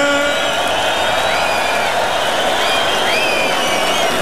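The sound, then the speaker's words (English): A festival crowd at Tomorrowland roars and applauds for the DJ in a dense, steady wash of noise for about four seconds, with high whistles and whoops sliding over the top. “And make some noise for the DJ, ….”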